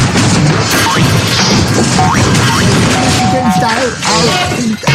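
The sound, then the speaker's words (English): A loud, continuous tumble of crashing and thudding impacts, like someone falling down a flight of stairs, lasting several seconds, with a few voices crying out partway through. “Well, as you're shooting, just be careful not to fall down the stairs, for goodness sake.”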